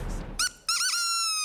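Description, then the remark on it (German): A seagull horn (Möwentröte) used as a signal on a TV panel show honks out a seagull-like call: a short squawk, a brief gap, then a longer warbling, wavering tone, loud with no voices. “Und manchmal geht es ganz schnell, nach dem Ertönen der Möwentröte.”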